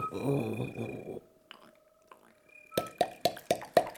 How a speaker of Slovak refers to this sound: Počula si to? Ha, to bude ďateľ. Veď vravím, ďateľ.